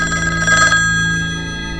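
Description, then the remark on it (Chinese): A telephone bell rings loudly, a rapid rattling trill lasting under a second before fading into a lingering metallic hum, with no voices. “是电话，我去接个电话。”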